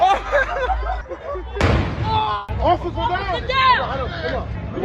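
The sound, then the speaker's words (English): A loud, sharp blast from an illegal firework exploding near a police officer bursts out over a noisy crowd near Brady Street in Milwaukee, followed by about a second of crackling rumble before the excited voices and shouts pick back up. “It happened early Sunday as video on social media shows the officer knocked to the ground after a firework exploded near her, appearing to cause facial injuries.”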